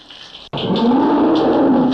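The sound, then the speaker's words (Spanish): A bull lets out a single loud, deep bellow that starts abruptly after a brief pause and holds for over a second, rough and droning with a slight rise and fall in pitch. “Hombre, no la creas que me encerraron, hombre, y le mandaron otro toro de verdad, hombre.”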